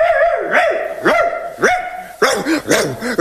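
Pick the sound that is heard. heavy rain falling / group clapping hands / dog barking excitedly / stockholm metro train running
dog barking excitedly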